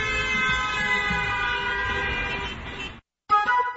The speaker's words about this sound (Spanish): la industria automovilística empezó a incorporar bocinas en sus coches para avisar de su presencia y prevenir a peatones distraídos. En 1914 llegó el claxon eléctrico y la evolución siguió hasta las bocinas que conocemos hoy y disfrutamos hoy en día.